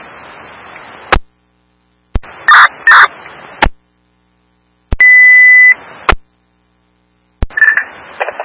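A fire department radio emergency distress alert, sent again during a radio test with engine companies: bursts of shrill electronic tones, then a steady held beep, then a warbling tone, each framed by sharp radio key-up clicks, loud and with no talking.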